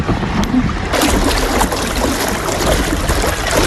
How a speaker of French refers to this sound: Et là, il n'y a que le bruit de l'eau, il n'y a pas tant le bruit du vent, mais quand les deux sont combinés, qu'on sent le vent souffler dans les oreilles, le gouvernail qui est un peu dur à manœuvrer avec toute l'eau qui est traînée derrière,